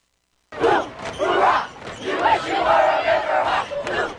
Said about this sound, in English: The Wasatch Wasps and Deer Creek Riverhawks faced off for the first time on Deer Creek's turf Friday night. The crowd went wild. The Wasps won 40-9, the opening salvo of what is sure to be a decades-long rivalry between the two Wasatch County schools